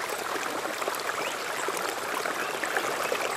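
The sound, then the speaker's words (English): Creek water in a rainforest splashes and burbles steadily over rocks, a continuous bright rushing wash with small irregular gurgles, moderate in level, with no voices. “Water rippling below, gently splashing and swilling through the rocks in the creek.”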